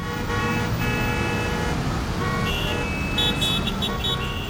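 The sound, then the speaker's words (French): Busy street traffic rumbles steadily while several car horns honk in overlapping bursts, some sustained, creating a dense, noisy roadway scene with no talking. “C'est dangereux, il y a trop de circulation.”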